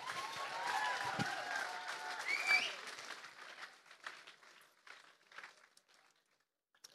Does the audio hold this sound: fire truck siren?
no